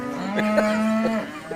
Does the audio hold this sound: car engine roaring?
no